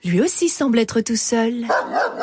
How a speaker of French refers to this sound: Ben oui, mais c'est juste un chien. Oui, un chien qui s'approche de nous. En effet, un chien se dirige vers eux.